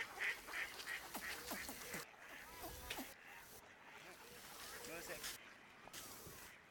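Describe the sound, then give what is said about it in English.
Many ducks quack in quick, overlapping bursts across a busy pond out of sight, picked up from a distance by a long-distance microphone, amid water splashing, birds flapping in water, a child's voice and a man talking to a child. “The long-distance microphone revealed a busy pond somewhere, out of sight. Birds flapping in water.”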